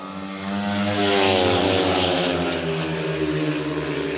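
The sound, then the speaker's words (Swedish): Speedway motorcycles roar around the track on the third lap of heat 9 at Målilla, Dackarna against Lejonen, Kravchuk leading and Robert Schmil second, several engines blending into a loud, continuous high-pitched wail that swells within the first second and then holds steady, with no voices. “Fortsatt 4-2-läge inne här på tredje varvet.”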